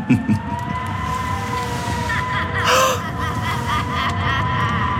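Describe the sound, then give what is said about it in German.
Wind caught in a chimney flue howls with a steady, eerie whistling tone that slowly bends in pitch over a low rushing roar, swelling into a brighter gust about halfway through. “Der Wind fängt sich im Rauchfang.”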